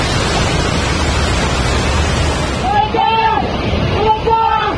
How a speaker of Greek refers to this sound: Ορμητικό τείχος από λάσπη, βράχους και νερό κατεβαίνει από τα Ιμαλάια και παρασύρει τα πάντα στο πέρασμά του.